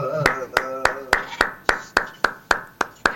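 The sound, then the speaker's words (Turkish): Steady, evenly spaced hand claps applauding the performers, about eleven sharp slaps in a quick regular rhythm. A voice talks underneath during the first second or so. “Bu alkış tek benden değil, sizleri şu anda dinleyen herkesten geldi.”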